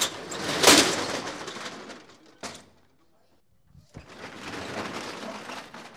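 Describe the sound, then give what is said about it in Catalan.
The metal shutter of the Rellotgeria Catalana watch shop on Carrer Cordereria in Palma is raised at 4:30 to reopen after the midday break, a loud rattling clatter with a sharp screech early on, a brief pause broken by a couple of clunks, then steady rattling again. “Acabeu d'escoltar com s'aixecava la barrera de veres”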